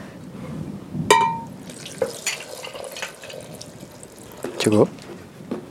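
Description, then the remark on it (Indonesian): Water is poured into a blender jar for a yogurt smoothie, a steady splashing trickle with a few sharp clinks and knocks along the way, with faint voices in the background. “Baru kasih air.”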